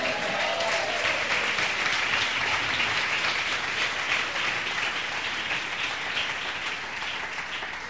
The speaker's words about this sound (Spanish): Den un aplauso, Señor.